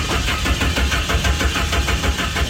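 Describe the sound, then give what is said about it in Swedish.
The engine of a car named Doris cranks over and over in a steady rapid rhythm without catching, loud, with no voices present; it cannot start because someone has taken parts from the car. “Nu har någon tagit delar av Doris så hon kan inte starta.”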